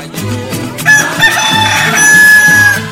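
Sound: rooster crowing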